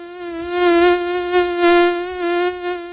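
A mosquito whines steadily in flight, a thin high-pitched drone with rich overtones that swells and fades slightly as it hovers, with no talking.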